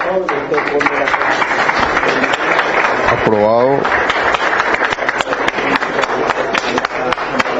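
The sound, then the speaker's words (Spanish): Steady applause from club members at the close of the club's general ordinary assembly, dense overlapping claps filling the whole stretch, with a single voice briefly calling out partway through. “Aplausos por parte de los socios.”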